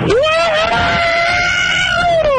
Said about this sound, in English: That was just a yell, I think. I don't even know if that was actually any kind of...